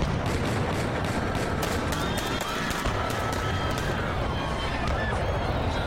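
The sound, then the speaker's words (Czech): A rapid series of sharp gunshots, fired at Pope John Paul II riding in an open-roofed jeep in St. Peter's Square on 13 May 1981, cracks out in bursts over the constant roar of a crowd of about 5,000, with agitated voices murmuring throughout. “Ozvala se série výstřelů, kulky zasáhly svatého otce a dvě ženy z New Yorku.”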